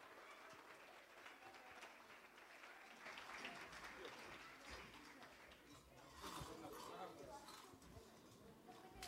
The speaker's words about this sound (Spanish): Recibamos con un fuerte voto de aplauso ….